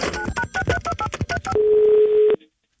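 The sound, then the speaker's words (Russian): A telephone number is dialed to call back, as a quick run of about ten short, bright keypad beeps, followed by a steady low-pitched tone lasting under a second before it cuts off. “Давай перезвоним.”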